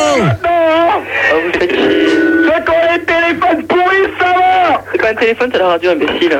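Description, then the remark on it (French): Loud, continuous broadcast sound with voices and tonal, warbling content from a radio playing loudly, with no pauses. “C'est pas un téléphone, c'est la radio, imbécile.”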